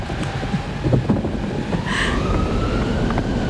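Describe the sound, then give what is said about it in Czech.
Wind roars steadily, with a low gusting rumble and a thin whistling howl that rises and falls over it. There are no voices. “Oheň, voda, vítr, vítr.”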